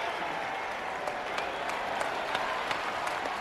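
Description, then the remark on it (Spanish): Dense, steady applause from many hands, Viserys applauding after the Baratheon knight is knocked down by a challenger: a continuous crackling wash of claps with a few sharper slaps standing out, holding at an even level throughout with no one speaking. “Rhaenys bebe de un cáliz dorado y Viserys aplaude.”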